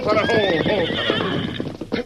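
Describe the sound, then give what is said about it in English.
A horse whinnies loudly, a long, quavering neigh that wavers and slides down in pitch, followed by a short snorting burst at the end. “Look, a horse with an empty saddle breaking through that brush.”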